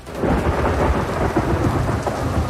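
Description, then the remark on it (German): Steady, heavy rain hisses loudly and continuously, with a deep rumble of thunder rolling underneath throughout. No voices are present, just the dense wash of a downpour. “Und dazu Erfrischung. Dieses Mal einen Regen.”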